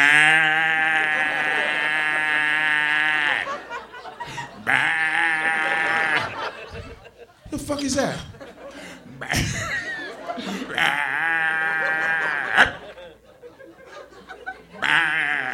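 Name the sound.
bullfrogs calling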